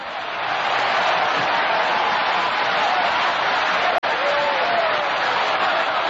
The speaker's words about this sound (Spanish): Aplauda ahí. Sigue aplaudiendo. Una ovación ahí grande para el grande de los grandes, Jesucristo. Oh, gloria a Dios. Oh, gloria a Dios. Sigue aplaudiendo.